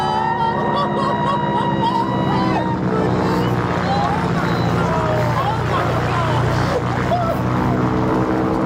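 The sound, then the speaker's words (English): A loud, steady propeller-plane engine drones throughout an acrobatic wing walk flight, a continuous buzzing roar with strong tonal hum and rushing wind; faint voices may be buried beneath it. “she was clambering up the plane”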